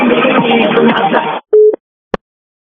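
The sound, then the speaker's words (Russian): Muffled, telephone-quality sound fills the first second or so before cutting off, then one short steady low beep of a phone line tone sounds, followed by a single sharp click, as a phone call to a radio show listener goes unanswered because the subscriber cannot answer. “Абонент сейчас не может ответить на ваш звонок.”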